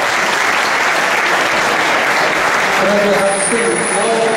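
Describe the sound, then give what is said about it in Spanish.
Loud, sustained applause from an audience welcoming the Managing Director Southern Europe, one of the evening's hosts, a dense wash of many hands clapping, with a few faint tonal sounds surfacing near the end. “Un aplauso fuerte para Jorge Berzunce.”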